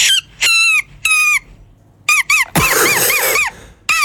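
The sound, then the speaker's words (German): Shrill, reedy squeals from a small blade of grass held between cupped hands and blown during a walk, in a run of separate blasts, some steady and some warbling up and down, loud with no talking. “Nein, sie hat einfach nur ein Blatt genommen, einfach so einen kleinen Grashalm zwischen die Hände gemacht und dann hast du dieses Geräusch gemacht, das war ja Weltklasse.”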